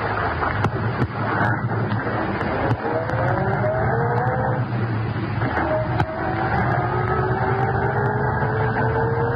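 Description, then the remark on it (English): A car engine rumbles steadily, then its pitch climbs as the car pulls away from the curb down the street and accelerates, with a low, continuous drone and no voices. “Car pull up from curb down the street.”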